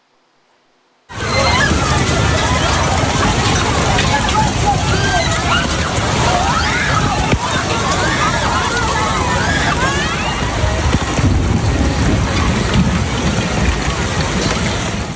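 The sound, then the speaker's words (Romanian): A dense, constant roar of hail pounding down in a thunderstorm after a moment of silence, with a concert crowd of about 80,000 spectators in Milan, Italy shouting and screaming beneath it, loud and continuous throughout. “Furtuna cu descărcări electrice și grindină a început în timp ce artistul”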